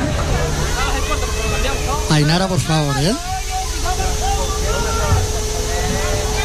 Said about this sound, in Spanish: Ahí están los padres pegando gritos de cada uno de sus hijos. A ver qué padre grita más fuerte.